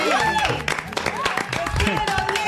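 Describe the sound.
An audience bursts into steady, loud applause, a dense wash of clapping that holds for the whole stretch, with voices cheering and calling out over it.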